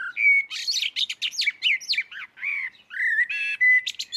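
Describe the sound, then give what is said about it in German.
A common blackbird sings a rich, continuous run of varied whistled and chirping phrases, clear, with brief pauses between notes and no voices. “Die Amsel. Ja, die Amsel braucht man eigentlich nicht vorzustellen, denn sie kennt jeder.”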